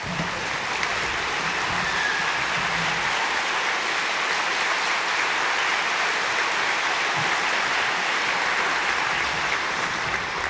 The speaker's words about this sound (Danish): Og allerførst synes jeg, vi skal give et varmt bifald til det orkester, som igen i år har stablet det hele på benene. Mine damer og herrer, Danmarks Underholdningsorkester.